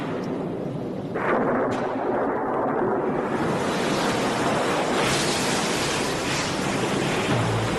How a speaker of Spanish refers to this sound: Transcurren 9 noches y 9 días. La lluvia no cesa y la tierra se inunda. Las aguas llegan hasta la cima del monte Parnaso, cuya altura es de casi 2.500 metros.